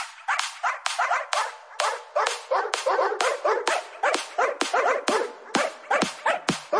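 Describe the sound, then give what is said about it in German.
A person role-playing as a dog imitates a puppy with a fast, steady stream of high yips and whiny barks, fairly loud, each short cry following right after the last for several seconds. “Oder man legt sich eben gleich einen menschlichen Hund zu.”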